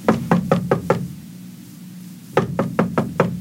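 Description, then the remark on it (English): Two rounds of firm, rapid knocking on the door of a house, each about five sharp raps with a hollow wooden thud, separated by a brief silent pause; fairly loud with no voices. “Oh, crap! I'm not answering the door.”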